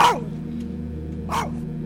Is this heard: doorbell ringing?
no